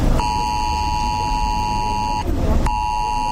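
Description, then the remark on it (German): A loud, shrill mobile phone emergency warning alert tone, tested at 11 a.m. on Germany's nationwide warning day (Warntag) and meant to sound even on silenced phones, blares in two long sustained bursts with a brief gap, its harsh layered pitch ringing out over a low background rumble. “Der Warnton soll auf den meisten Handys ankommen, auch wenn sie auf lautlos sind.”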